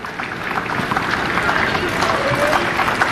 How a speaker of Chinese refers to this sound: 现场的观众也是在给阿尔哈维茨鼓劲儿啊。